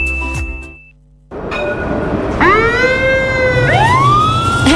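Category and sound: vehicle, fire engine siren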